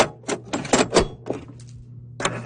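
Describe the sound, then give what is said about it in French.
A large radio cassette player's motor whirs with a steady low hum, broken by several sharp mechanical clicks and clunks, with no music yet. “Il fallait attendre plusieurs secondes avec ce bruit de moteur qui ronronne avant l'arrivée de la musique.”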